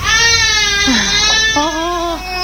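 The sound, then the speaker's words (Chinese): A baby cries loudly and continuously, with wavering wails that rise and fall in pitch, filling the whole moment without any talking; the baby is crying because it has no breast milk to drink. “没想到孩子的哭闹声引来了婆婆。”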